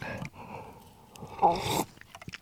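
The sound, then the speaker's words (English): A sip of a cold latte made without milk and without ice, with soft wet mouth noises building to a brief louder slurp, then a few small clicks and a quiet swallow. “Let's have a sip of this iced latte.”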